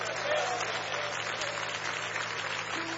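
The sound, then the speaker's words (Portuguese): An audience claps steadily to welcome a pastor, a dense, continuous burst of applause that holds at an even loudness throughout, with a faint murmur of voices and a low hum beneath it. “nós vamos recebê-lo com palmas e glória para Jesus.”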